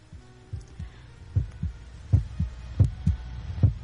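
A deep, pounding heartbeat thumps in steady lub-dub pairs, low and heavy, growing slightly louder over a few seconds with a faint hum underneath and no voices.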